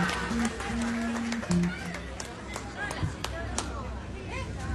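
Scattered audience applause for a singer about to perform, a steady patter of claps with a few sharper ones standing out, mixed with crowd murmur and a low steady hum.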